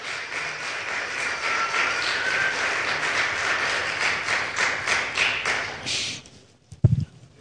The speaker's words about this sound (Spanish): ¿Cuánto dicen gloria a Dios? Yo me alegro, dele ese aplauso por favor.